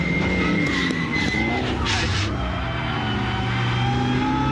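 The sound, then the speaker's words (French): A car engine drones steadily, its pitch rising and falling, while a short hissing tire skid breaks in around the middle as the handbrake locks the rear wheels, before the motor carries on alone. “C'est le frein à main, c'est ce qui permet aux pilotes de rallye de bloquer les roues arrière.”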